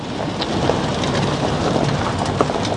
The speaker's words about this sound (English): I'm in a truck heading up a farm track on a finger of land jutting off the eastern coast of Te Tai Tokoro, Northland. It's grey, drizzly and windy, but not as bad as some of the weather they've had here lately.